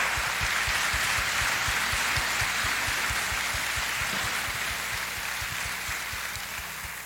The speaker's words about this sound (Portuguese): Então fica aqui o nosso palmas, registro, né? Uma salva de palmas, por favor, para o Giovani.